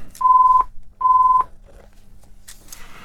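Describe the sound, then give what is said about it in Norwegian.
Two steady electronic telephone rings, each about half a second long with a short gap between, loud and clear, followed by faint rustling and a couple of soft clicks. “Og der ringer det.”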